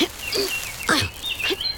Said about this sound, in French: J'entends le chant d'un moineau.